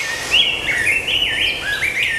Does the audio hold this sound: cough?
no